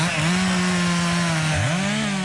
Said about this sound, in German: Kettensäge oder keine Kettensäge? Im Park Sanssouci wäre das ein sehr provokantes Geräusch, gerade für die Verantwortlichen der Stiftung Preußische Schlösser und Gärten.